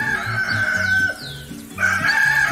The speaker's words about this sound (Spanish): Ya canto el gallo.